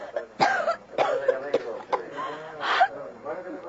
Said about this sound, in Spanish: ¿Por qué toses